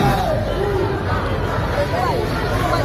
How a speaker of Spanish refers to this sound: Y este sonido de hace unos minutos en la Puerta del Sol, donde seguimos atentos a los enfrentamientos que durante todo el día se están produciendo entre grupos ultras, así que de momento ya dejan dos detenidos y un policía herido.